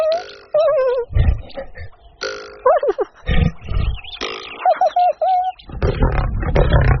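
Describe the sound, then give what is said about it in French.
An angry lion growls and roars in several rough, low bursts while shaking its head hard, mixed with higher squealing, warbling cries, loud, with no talking. “Le lion n'est pas content. Il secoue la tête très fort.”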